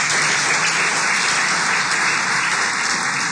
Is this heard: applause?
yes